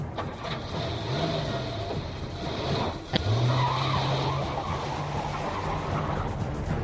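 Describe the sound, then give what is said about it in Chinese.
Several military vehicles loaded with armed military police speed away on a dark, cold night, the prison van sounding no siren. Engines drone and rev over a steady rush of road noise, with a sharp knock partway through before the engine pitch climbs and holds. “囚车没有鸣笛，随着满载军警的几辆军车一溜烟的开走了。”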